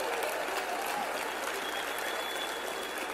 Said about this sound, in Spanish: Aplauso fuerte a nuestro querido Epigmen.